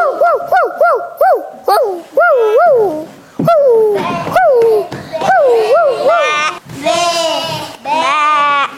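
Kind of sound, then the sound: animal, dog whimpering and barking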